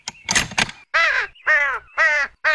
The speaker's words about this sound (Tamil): அட, இது என்ன? காக்கா கத்துற சத்தம் இன்னும் கேட்டுக்கிட்டு இருக்கு. சரி, என்னன்னு தான் போய் பார்க்கலாம்.